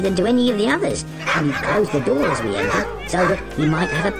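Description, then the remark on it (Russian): A run of loud yapping barks with whiny, warbling tones from lovebird parrots imitating a dog to drive burglars from a house, coming in quick uneven bursts for several seconds. “И однажды, когда хозяева были в отъезде, попугаи спасли их дом от грабителей, начав лаять в самый ответственный момент.”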